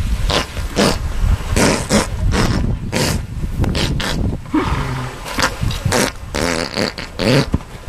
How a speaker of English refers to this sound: It was a woman who owned a horse, and the horse was very gassy. Very gassy. And she was explaining they cannot burp and they cannot vomit, so this is the only way they can expel this.